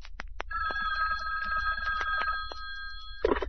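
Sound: hotline telephone ringing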